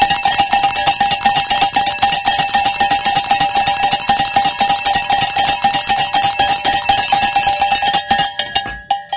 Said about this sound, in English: I want to pray this bell ringing celebration prayer, but with time on the clock, we are not done.